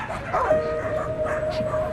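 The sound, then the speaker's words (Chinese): A vehicle load of stolen dogs being sold: several dogs bark in scattered bursts over a steady high whimpering and whining, a crowded, continuous chorus at moderate loudness with no one speaking. “这车狗你卖多少钱？”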